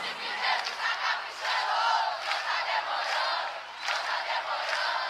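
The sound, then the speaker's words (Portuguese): A large live crowd in Brazil sings along and claps together in a sustained, loud roar of many voices, filling the space continuously with swelling bursts; clapping is not clearly distinct within the mass. “Deixa eu ouvir o coral mais bonito do Brasil. E não tá demorando. Não tá demorando. Vai nas palmas.”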